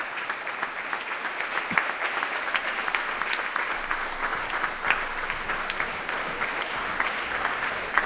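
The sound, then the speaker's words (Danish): Steady applause from an enthusiastic audience after a performance of Clara Schumann's piano trio at Unitarernes Hus in Østerbro, a dense continuous patter of many hands clapping at an even level for several seconds, with no voices standing out. “Og de spiller altså for et begejstret publikum her i Unitarernes Hus på Østerbro.”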